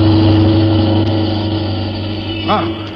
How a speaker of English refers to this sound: look at that car coming up the street, would you? Hey, Nick, watch out. That car is headed right at you.